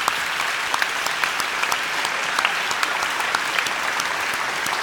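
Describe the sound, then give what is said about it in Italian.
Sustained audience applause fills the whole stretch, a dense steady wash of many hands clapping together at a consistent loudness, with no voices standing out above it. “Facciamo un applauso alla grazie.”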